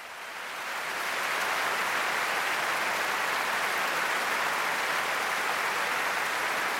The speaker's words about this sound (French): Et oui, des applaudissements chaleureux du public pour saluer les 255 choristes, les 10 timbaliers, les cuivres, les percussions, tout cet orchestre et ces deux chœurs réunis pour cette soirée.